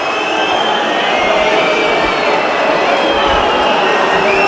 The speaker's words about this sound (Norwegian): Hør publikum.